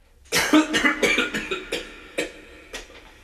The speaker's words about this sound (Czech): A také mezi jednotlivými větami cyklické skladby. Zde se naopak netleská a smí se jen kašlat.